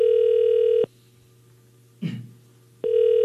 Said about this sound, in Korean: 제가 다시 한번 5200번님께 전화 한번 드리도록 하겠습니다. 자, 이제 신호가 갑니다. 무교, 무교입니다. 어떤 무교생일지, 어느 지역에 계시는 분인지 전화 연결해 보도록 하겠습니다.